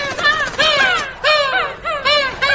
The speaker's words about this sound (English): Look! Oh, seagulls! Happy hello, seagulls!